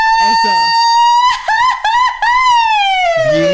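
A woman from Jalisco lets out a loud Mexican grito in a scare style: a long, high, piercing yell that warbles and breaks several times midway before sliding slowly downward, lasting about three seconds.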